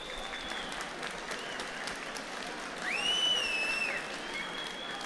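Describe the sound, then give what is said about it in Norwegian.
A crowd applauds steadily throughout, a dense wash of clapping, and partway through someone lets out a sharp, rising whistle above it. “Lad oss gjøre som røske folkene en stort klapp.”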